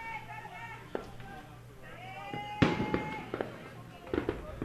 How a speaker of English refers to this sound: We've seen fireworks tonight. A lot of real fireworks and a lot of baseball fireworks.